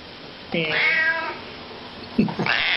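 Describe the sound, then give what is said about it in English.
A cat in a studio lets out a long, drawn-out meow that rises and falls in pitch, followed after a short pause by a second, shorter meow. “We also have a horse in the studio and a cat.”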